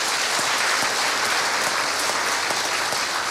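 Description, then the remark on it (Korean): A crowd applauds steadily to welcome the speaker giving the dharma talk at a Buddha's Birthday service, a dense wash of many hands clapping at an even loudness throughout, with no voices rising above it. “여러분 따뜻한 박수로 맞이해 주시기 바랍니다.”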